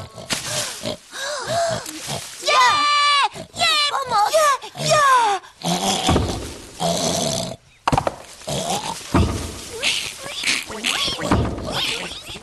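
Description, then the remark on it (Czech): An angry wild boar sow grunts harshly and insistently, fearing for her striped piglets, while the piglets let out rapid, high-pitched squeals that rise and fall, the noisy sounds continuing loud throughout. “Prasátka se bez mámy bojí a ta se zase bojí o ně. Proto je tak rozlobená.”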